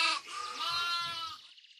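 A single sheep bleats loudly, one wavering, drawn-out cry lasting about a second and a half before cutting off, with no other sounds or voices.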